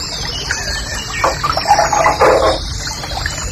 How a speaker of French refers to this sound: Un truc très joli ça aussi, ça, c'est le rossignol et cascade.